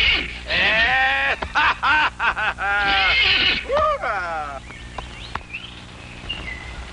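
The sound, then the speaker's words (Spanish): A horse whinnies loudly, a long shaky neigh with quavering pitch lasting several seconds, then trailing into quieter snorts and faint background noise. “¡Ese es mi caballito, caramba! Este es mi hijo. ¡Venga, caballito!”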